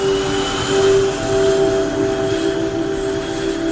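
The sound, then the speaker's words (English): The engines of several C-130 Hercules turboprop aircraft at an airport drone loudly and steadily, a constant humming tone with layered harmonics over a broad rumble that never lets up, with no voices. “The plane lands, and being sort of dumped off this little passenger commuter plane onto the tarmac, I'm just deafened by the sound of all of these C-130 Hercules aircraft that are just, the engines are just droning.”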